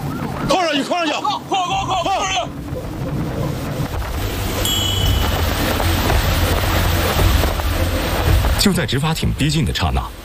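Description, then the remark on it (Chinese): The six engines of a speedboat roar loudly and steadily at full throttle as it turns hard and flees a law-enforcement boat, a deep churning rumble, with shouted voices before and after and faint high tones briefly above the noise. “你看这个船打满舵，6台发动机同时开足马力逃窜的时候，我们就立即拉响了这个警报， 往前跑。”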